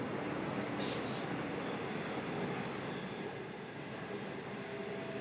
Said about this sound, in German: Inzwischen ist es Nacht geworden. Der Zug rast durch die Dunkelheit seinem ersten fahrplanmäßigen Halt entgegen.